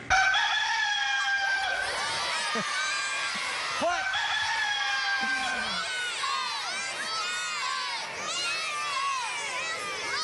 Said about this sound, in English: Okay, everybody passes the quiz because that was a cock-a-doodle-doo rooster.